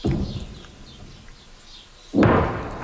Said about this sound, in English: Those distant explosions echo across the south as Israeli troops push deeper into the country to target Hezbollah strongholds.